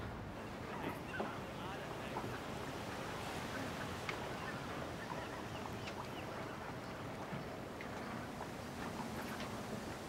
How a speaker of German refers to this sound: Ein spitzen Wind.